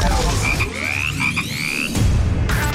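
Frogs croak and chirp over a dense, loud background, with several rising high-pitched calls in quick succession and a steady wash of noise underneath; no one speaks.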